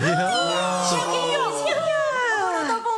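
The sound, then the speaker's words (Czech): A calf moos in a long, loud, drawn-out bawl, its voice wavering and bending in pitch over about three seconds, with no other sounds around it. “Jaký tele? Kde je?”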